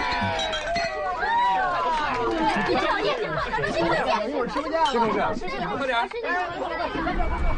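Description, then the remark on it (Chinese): Several glasses clink together in a quick toast at a department dinner party, amid a lively crowd of overlapping voices and chatter, the bright taps scattered across the noisy room. “说清楚了，现在开始就好好玩，干杯。”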